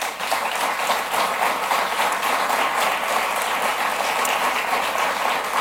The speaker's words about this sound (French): Et j'ai une pensée spéciale quand même pour Mme Fréchette. Et je la remercie d'avoir servi le Québec dans les derniers mois. Et je propose qu'on l'applaudisse.